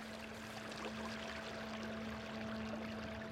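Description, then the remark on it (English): Steady, continuous rush of river water flowing along a bank where ash trees grow thick under towering cottonwoods, moderately loud, with a faint constant hum underneath and no voices. “At the river's edge, ash grow thick under towering cottonwoods.”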